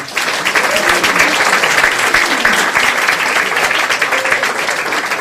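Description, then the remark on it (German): A crowd applauds the evening's musician steadily for several seconds, a dense, loud wash of clapping hands with faint voices mixed underneath, sustained without pause from start to finish. “Und jemand, der es auch trotz Bombe zu uns geschafft hat und heute hier für die Musik sorgt und einen großen Applaus dafür verdient.”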